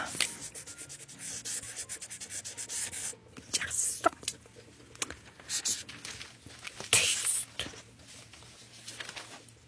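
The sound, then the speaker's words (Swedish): A marker pen scribbles across paper in quick, scratchy strokes as Mint draws snow, with irregular bursts of rubbing that come and go over several seconds, fairly clear. “Att hon inte ska trycka för hårt för då blir spetsen tuffsig.”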